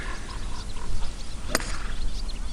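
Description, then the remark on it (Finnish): A single crisp, sharp crack of a golf club driving a ball off the tee for the first shot, standing out briefly against quiet outdoor ambience with faint croaking and chirping in the background. “se on pallo laitettu tiille ja nyt valmistaudutaan ensimmäiseen lyöntiin”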